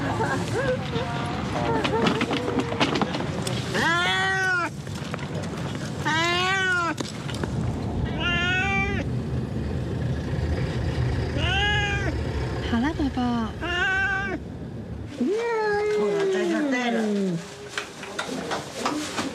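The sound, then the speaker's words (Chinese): A cat meows loudly and repeatedly, about six or seven drawn-out, distressed cries spaced a second or two apart, as it is picked up from behind and put into a box, over constant rustling and handling noise. “搬箱子的时候，另一个人从背后拿猫的。”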